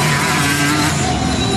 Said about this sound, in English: That's not. Oh, it's a motorbike.